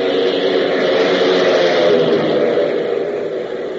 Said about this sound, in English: But meanwhile, several hundred miles to the south, a large, ungainly, box-like plane lumbers across a cleared field and, gaining speed, finally roars into the air, heading due south.